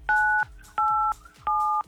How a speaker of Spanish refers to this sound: Apriétale 987 a tu teléfono para girar la ruleta de artistas.